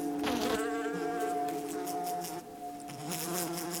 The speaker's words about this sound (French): C'est que des mouches domestiques, on en croise beaucoup, partout, et depuis qu'on est tout petit.